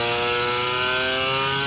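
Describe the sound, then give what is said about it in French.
The two-stroke 250cc twin engine of a roughly 35-year-old motorcycle revs high and steady. Its strident, buzzing whine is rich in stacked harmonics and loud throughout, with no voices. “c'est un son vraiment caractéristique du deux temps, surtout une 250”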